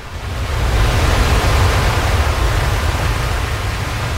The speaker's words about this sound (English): And then on the spring tide, the storm was pounding. I could not hear anything except the beating tumult of the waves pounding themselves against the fallen trees and the eroding dunes.